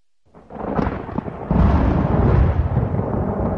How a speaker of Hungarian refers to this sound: Zivatar. Dörög az ég.